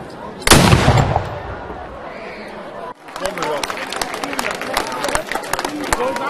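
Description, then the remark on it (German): A single heavy salute shot from a gun, fired by the Mansfeld pioneer battalion on command before a ceremonial key handover, booms out and rumbles away over about a second, followed by a steady background of murmuring voices and scattered crowd noise. “Doch zuvor schoss das Mansfelder Pionierbataillon Salut.”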